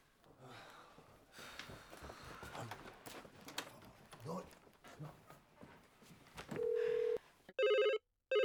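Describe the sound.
A telephone rings in two loud bursts near the end, after a brief steady tone and a stretch of clattery background noise with faint voices.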